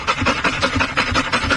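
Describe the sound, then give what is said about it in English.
A dog panting quickly and steadily, a rapid rhythm of breathy, raspy huffs, with no voices present; from a Train Dog video showing a train with a dog's face on it. “So imagine that a dog is panting”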